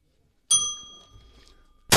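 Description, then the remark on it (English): A single bell is struck once and rings out with a clear metallic tone that slowly fades, ending in a sudden burst of noise. “You just find the bell. Yeah, I just did.”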